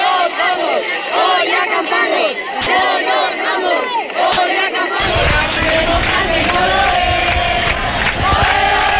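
A large protest crowd shouts and chants continuously, many overlapping voices forming a loud, dense roar, punctuated by three sharp, brief cracks or bangs along the way.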